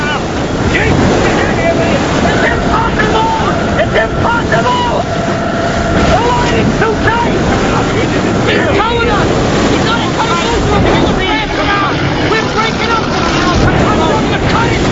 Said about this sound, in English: Water pours onto the boat as violent waves crash against the stern.